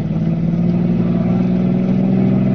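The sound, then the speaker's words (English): A car engine roars steadily, its low droning hum pushing hard as the vehicle accelerates to get away from a police sedan following behind, loud and continuous throughout with no voices. “Give them more, Red.”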